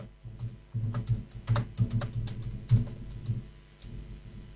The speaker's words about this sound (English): Let me just text this.